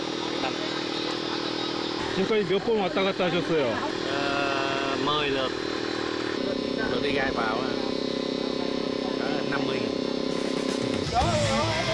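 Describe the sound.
A motorcycle engine drones loudly for the whole stretch, its pitch shifting as it moves past, while people talk over the noise; workers ride motorcycles back to a shrimp farm after unloading shrimp at a truck, five motorcycles taking turns hauling the shrimp.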